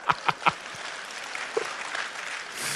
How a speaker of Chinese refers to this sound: 哎呀，掌声不够热烈呀、啊！为什么大家掌声不热烈？我知道，因为当事人不在呀、啊。